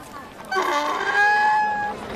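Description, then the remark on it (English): A donkey lets out a single drawn-out, nasal call lasting over a second, moderately loud, with faint background noise around it. “Can you grab hold of your donkey?”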